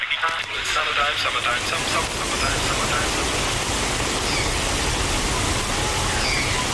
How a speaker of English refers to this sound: Windows up, Crescent Swellers. We are road tripping today through the spring rain